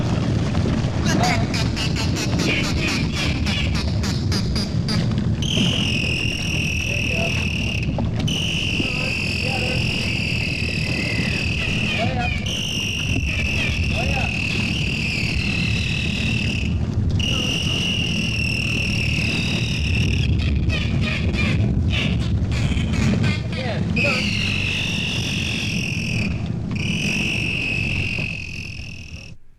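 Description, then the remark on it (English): Two bottlenose dolphins being trained by a trainer, one to imitate human laughter and one a canary: rapid chattering pulse bursts alternate with long, high, warbling whistled tones over a steady low rumbling background. From the Bottlenose Dolphin LP on Leprechaun Records. “We're currently listening to the sound communication by the Bottlenose Dolphin”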